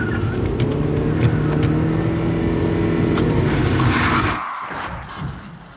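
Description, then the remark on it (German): A car with failed brakes roars loudly and steadily at speed for several seconds, with a rising whine and tire noise, then cuts off abruptly into a brief rumbling aftermath. “Was ist los? Die Bremsen!”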